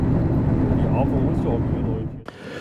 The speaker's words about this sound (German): Wir nähern uns dem Haltepunkt Neu-Beresinchen und steigen aus